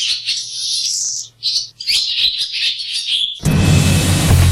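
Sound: birds chirping and singing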